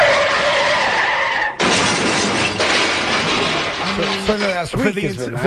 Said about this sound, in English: Car accident.